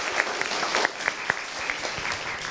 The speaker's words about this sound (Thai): ยอดเยี่ยมมากครับปรบมือ